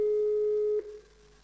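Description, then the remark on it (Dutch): A single steady telephone tone, like a ringback beep heard through a hands-free speakerphone on a call to the Poortman garage, holds for just under a second and then fades out, with no voices. “Weet u wat, ik zet hem op de handsfree, dan kunnen we allemaal meegenieten.”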